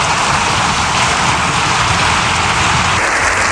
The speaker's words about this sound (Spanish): La verdad es que el aplauso ha sido espectacular, ¿eh? Más de 7 minutos